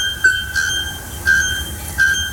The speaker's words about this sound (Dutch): Daar woont een vogel die zo hard schreeuwt dat je er volgens onderzoekers niet zonder gehoorbescherming in de buurt kunt komen. Zo is daar de naaktkeelklokvogel die echt de hele dag keihard zit te schreeuwen in de boomtoppen. Luister even.